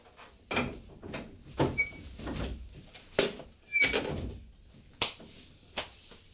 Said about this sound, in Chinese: 你开门入嚟啦。